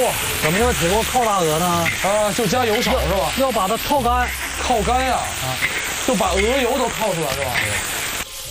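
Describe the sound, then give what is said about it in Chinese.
Steady sizzling hiss of goose meat stir-fried continuously with seasonings in an iron wok without oil over low heat, its fat and water rendering out, in Yichun, China, running throughout at a moderate level, partly masked by a prominent voice carrying over the top. “制作的方法首选铐，铁锅中不加油，直接下鹅肉和调料，在小火中不断的翻炒，鹅肉中的油脂、水分都被渐渐逼出。”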